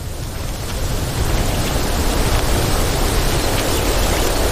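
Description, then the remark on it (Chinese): Strong wind that has suddenly picked up before rain blows in a steady, rushing roar with heavy low rumble, swelling slightly in the first second and then holding loud and constant, with no voices. “今天突然刮起了风，好像快要下雨了。”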